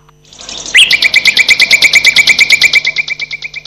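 Birds screeching loudly, a rapid, harsh chattering burst of about twenty sharp calls in quick rhythmic succession, with no talking.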